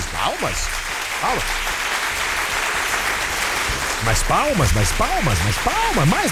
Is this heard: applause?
yes